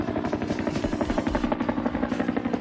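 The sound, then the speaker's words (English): A Vietnam War-era military helicopter's rotor chops rapidly and steadily over a loud engine drone, sustained with no voices. “This is the helicopter that people associate the most with the Vietnam War.”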